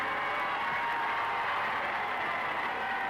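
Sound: crowd cheering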